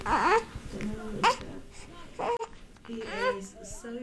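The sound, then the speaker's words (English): A ten-day-old newborn baby boy babbles and fusses in a bedroom of a home in the historic quarter of Nablus City, breaking into short, wavering cries between soft gurgling sounds, with no other voices present. “holds her newborn baby boy”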